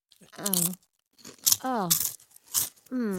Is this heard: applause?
no